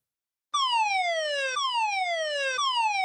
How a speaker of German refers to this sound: An einigen Orten kam dann auch noch Sirenengeheul dazu. Bundesweiter Warntag war nämlich heute.